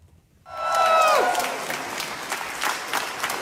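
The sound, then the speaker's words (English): At a press conference held after a prize win, after a moment of quiet, a room full of people bursts into steady applause. The clapping stays dense and sustained, with a brief whoop rising above it at the start. “If you clap a little bit more, I may share this prize with Trump.”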